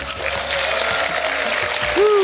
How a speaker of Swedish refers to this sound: en stor varm applåd för våra bokcirklande gäster